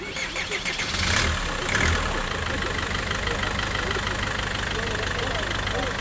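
A bus engine rumbles low and steady, with two short hissing bursts early on before the idling drone carries on as the bus starts to move off, leaving Tirana for Tepelena in Albania.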